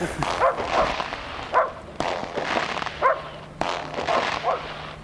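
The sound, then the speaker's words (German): Police dogs, newly brought in at a police operation by a bridge, bark in short, intermittent bursts about every second or so, set against a steady wash of outdoor background noise. “Jetzt haben sie noch Hunde dazu geholt.”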